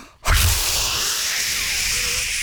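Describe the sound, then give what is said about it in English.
A voice imitates a jet fighter flyover, probably a Hornet: a sudden loud, breathy roaring hiss bursts in after a brief pause and holds steady, noisy and rushing, for about two seconds. “That probably was a Hornet.”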